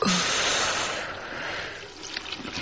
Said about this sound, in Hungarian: Kinyitom a csapot, hogy apa hallja a csobogást.